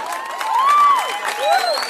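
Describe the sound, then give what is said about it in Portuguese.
A large audience at a music show applauds and cheers as the performers thank them, with dense clapping under rising and falling shouts and whistles, loud, swelling through the moment. “Uma salva de palmas, vocês foram foda.”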